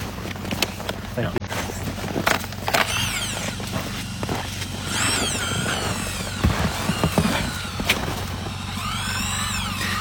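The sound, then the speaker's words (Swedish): A motorized drill drones steadily as it bores into the inland ice sheet for research, with grinding surges and occasional high squeaks over the continuous hum. Faint voices can be heard in the background. “Ni borrar bland annat i isen.”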